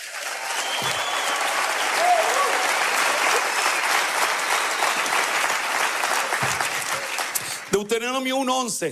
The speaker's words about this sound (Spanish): Denle un aplauso fuerte. Ahora sí, aplauda.